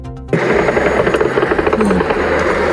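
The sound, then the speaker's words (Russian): A loud, steady propeller drone (UAV) buzzes overhead in Bashkortostan, Russia, where drones struck a Wildberries warehouse. Its engine pulses slightly in a rapid rhythm for the whole stretch, with no voices. “Дрон разнесли склад в Башкортостане.”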